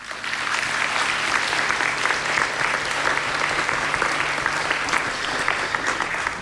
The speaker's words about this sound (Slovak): Veľký potlesk pre vás.